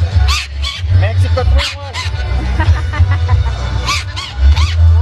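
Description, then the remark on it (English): A parrot named Pepe Herman, part of the entertainment at Casa Mexico, squawks and chatters in a rapid series of shrill, harmonic, yelping calls, some sharp bursts louder than others, over a steady low rumble of crowd noise and voices from about 1,000 Mexican fans celebrating the start of the World Cup. “He's a parrot, as you can tell, and he's part of the entertainment here at Casa Mexico.”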